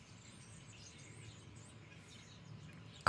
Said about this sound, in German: Also keine Ahnung, was das für Vögel sind, aber die sitzen hier alle direkt vor unserem Studio auf einem Mast nebeneinander auf der Stange. Bestimmt 50 Vögel. Das ist ein totales Gepiepse.